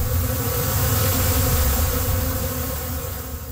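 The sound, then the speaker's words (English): A dense, steady drone of many honeybees buzzing inside a hive, loud, with a low humming roar that holds constant and fades slightly toward the end. “It's all the bees.”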